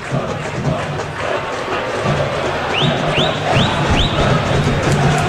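São Lourenço football supporters in the stands at the Vila stadium make a steady, dense roar of cheering and chanting, broken by four quick rising whistles in the second half.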